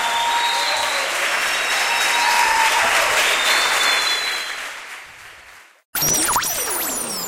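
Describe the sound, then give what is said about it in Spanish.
An audience claps loudly for the Lord at night in a dense, sustained wash of applause that swells, then fades away after about six seconds before an abrupt cut to different sounds. “Aplaudile fuerte al Señor en esta noche.”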